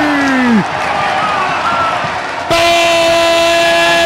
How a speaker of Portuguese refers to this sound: Marcou, é pênalti para o Mac. Torcida vibra no Castelão